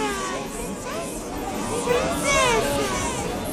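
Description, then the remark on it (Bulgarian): A crowd of children shouting and playing, recorded in October 1993, many high-pitched voices overlapping in a steady, lively din with occasional rising shrieks standing out above the chatter. “Тези крясъци наистина ме подлудяват.”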